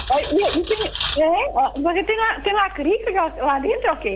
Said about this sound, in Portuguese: Eu também tenho aqui um recorreco. É assim mesmo, minha amiga. O seu toca melhor do que o meu.